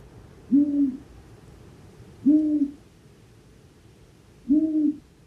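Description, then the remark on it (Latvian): Three low, soft long-eared owl hoots spaced about two seconds apart, each a short muffled note over a faint background hiss, with no talking. “Bet ausainās pūces ūjināšana ir ļoti klusa.”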